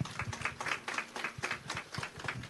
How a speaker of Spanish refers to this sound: Hasta ahora nos enorgullece que la UGEL Otuzco tenga a esta institución educativa no solamente ganadora en logros ambientales, también es una de las instituciones ganadoras en la FONDEV y creo que también se merece otro fuerte aplauso por ello.